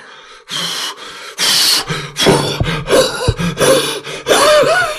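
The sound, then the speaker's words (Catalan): A voice imitates a wolf blowing hard at a brick house to knock it down: a series of loud, forceful breathy puffs, later mixed with strained, groaning vocal effort as the blowing continues without pause. “Va començar a bufar i a bufar, però la casa no va caure pas.”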